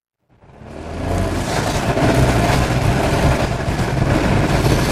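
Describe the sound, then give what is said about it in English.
IndyCar race car engines roar loudly and continuously after a brief silence as the cars speed along the National Mall, down Pennsylvania Avenue and past the Capitol in Washington during the IndyCar Freedom 250 Grand Prix, a dense, high-revving wall of mechanical noise with no voices. “President Trump got the IndyCar Freedom 250 Grand Prix underway and watched as the cars sped along the National Mall, down Pennsylvania Avenue and past the Capitol building.”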